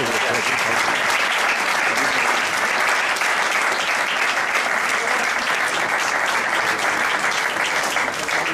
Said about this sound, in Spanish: Un hombre que hace muchísimas cosas sociales por la ciudad. Y este es un aplauso especial por eso.